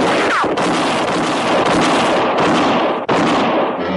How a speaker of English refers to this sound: Crowley fired, and in that same instant, Dick whirled and shot back. He shattered a bottle on the bar. Both had missed.